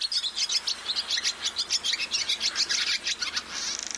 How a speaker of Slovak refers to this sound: Po letných prázdninách sa okolo neho začali zhromažďovať krdle sťahovavých vtákov, aby sa pripravili na dlhú cestu do teplých krajín.